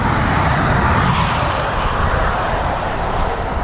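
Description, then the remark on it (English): Loud, steady roar of several car engines as a group of cars is sent onto a race track, a dense, continuous rumble with no gaps and no voices. “Right now, we're going to send the Group B onto the track.”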